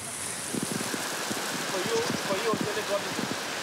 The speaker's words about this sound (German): Es schüttet wie aus Kübeln.